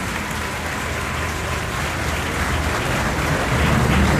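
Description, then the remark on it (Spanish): A crowd applauds steadily at the inauguration of an overpass in Potosí, with dense, continuous clapping that holds an even loudness and swells slightly toward the end, with no voices standing out. “Y ese aplauso para todas y todos nosotros, amigas, amigos, todos.”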